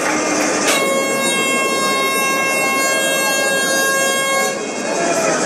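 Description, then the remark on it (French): A loud rugby stadium siren marks half-time in a match between Provence Rugby and Brive at 21-7, blaring one long, steady, horn-like tone for about four seconds, then cutting off, over a noisy crowd backdrop with a voice talking underneath. “La sirène qui retentit.”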